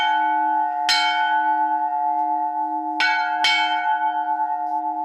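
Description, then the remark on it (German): A church bell at St. Vitus church near Landshut rings out loud, three strikes spaced unevenly, each one leaving a long, humming resonance that sustains between them. No voices are heard. “Und dann hoffen wir, dass sie ewig läutet. Also abkühlen, aufhängen, segnen und dann läuten.”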